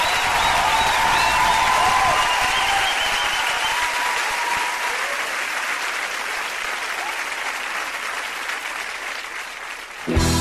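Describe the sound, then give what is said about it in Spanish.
A crowd applauds steadily for about ten seconds, the dense clapping thinning slightly toward the end, with faint cheering mixed in before an abrupt cut. “Ese aplauso”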